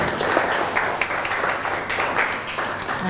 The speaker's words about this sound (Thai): ปรบมือให้กับเจ้าของสื่อหน่อยนะคะ